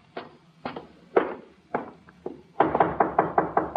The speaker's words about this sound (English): Let him knock again.